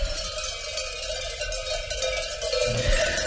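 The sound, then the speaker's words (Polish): A continuous jangle of many bells worn by a herded flock of sheep ringing together, steady metallic clanking with a bright resonant tone and no clear rhythm, growing slightly louder toward the end. “Jest jak telu dzwonków dziś mają, no tu.”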